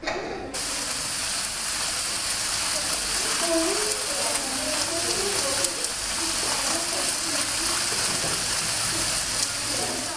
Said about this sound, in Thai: เสียงนี้คือเสียงอะไรคะเสียงฝนตกเสียงฝนตกคุณลักษณะของเสียงคือเป็นยังไงคะช่วยกันตอบเลยไปทางด้วยนะคะเสียงเป็นไงคะเสียงยาวใช่หรือไม่เสียงยาวและเสียงดังด้วยใช่ไหมคะ